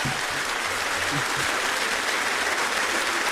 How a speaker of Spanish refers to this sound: No, pues le damos un fuerte aplauso.